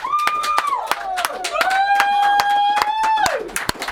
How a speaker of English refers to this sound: and let's ask everyone to clap.